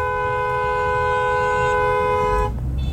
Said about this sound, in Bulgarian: Тук някой водач се изнерви, включи клаксона.